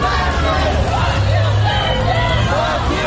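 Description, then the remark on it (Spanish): A large protest crowd in Austin, Texas, shouts and chants against fascists, many voices rising and falling in a dense, continuous roar over a steady low rumble. “Al grito de que os den fascistas.”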